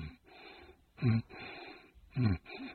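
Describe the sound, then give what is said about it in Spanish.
A voice imitates a sleeping shark snoring: two loud, rumbling snorts about a second apart, each followed by a softer, breathy exhale, with no speech. “roncando.”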